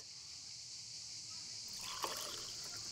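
Pastis, about 2 cl, is poured into a glass, a soft trickle of liquid starting partway through with a small clink, over a faint steady background hiss.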